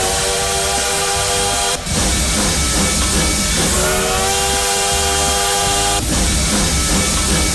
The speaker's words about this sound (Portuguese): Quem já tá fazendo barulho por aqui, aquecendo os motores do trem bala.